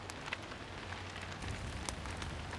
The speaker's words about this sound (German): Ob es zu Hause auch regnet? Nicht unbedingt. Kann auch eine lokale Gewitterzelle sein. Ein paar Kilometer weiter ist alles wieder gut. Aber ja, nicht gerade optimal das Wetter, gebe ich zu.